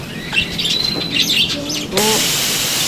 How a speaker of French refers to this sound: Premier aspect, montrer aux enfants, faire prendre une douche aux perruches dans la volière. Alors, un petit coup de frais à nos oiseaux, on passera dans la volière intérieure après.